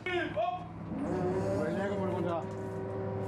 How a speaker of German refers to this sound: Bertus Loden hieft sie mit einer elektrischen Winde an Deck und schwenkt sie gekonnt auf die Ladefläche des LKW.